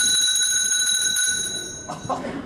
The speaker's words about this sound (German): Es läutet. Da kann ich Sie beruhigen, Herr Direktor. Das liegt nur daran, dass wir eine Glocke haben.